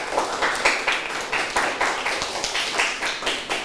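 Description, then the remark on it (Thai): A classroom group claps together for a classmate, in a steady, rhythmic burst of applause, many hands filling the room for a few seconds, with no talking over it. “เก่งมากเลยปรบมือให้เพื่อนหน่อยค่ะ”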